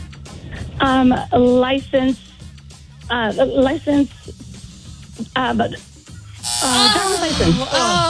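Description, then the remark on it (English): A quiz game buzzer sounds in a few short, harsh bursts, loud, ending with a brighter, noisier stretch of sound and voices mixed in. “You got it the last second, but you got buzz prior”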